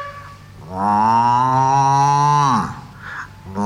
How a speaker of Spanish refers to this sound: ¿Y usted, señora vaca?